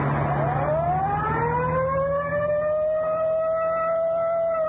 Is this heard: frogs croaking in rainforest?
no